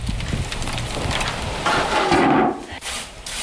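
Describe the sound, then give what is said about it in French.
Bread just taken out of the oven crackles as it cools, a dense, steady patter of tiny snaps and pops like light rain, with a brief low hum midway and no voices. “le crépitement du pain qui vient de sortir du four.”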